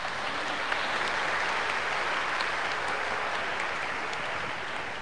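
A crowd claps steadily for several seconds, dense overlapping hand claps forming a sustained, even wash of applause at fairly constant loudness with no voices over it.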